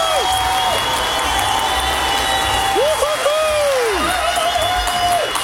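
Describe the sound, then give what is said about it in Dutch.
A studio audience gives a standing ovation, clapping loudly and steadily throughout, with cheers and whoops rising above the dense applause. “Nou, Erin uit Tilburg, omdat jij in de jeugdzorg gewoon door hebt gewerkt, krijg jij van iedereen in dit studio applaus een staande ovatie!”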